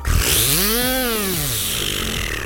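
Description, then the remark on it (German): A voice imitates with the mouth a Silvesterbiene, a buzzing, spinning New Year's Eve firework: a loud, raspy, continuous buzz whose pitch swoops upward and then slides back down, lasting a couple of seconds with no talking. “Ich kann mit meinem Mund eine Silvesterbiene nachmachen.”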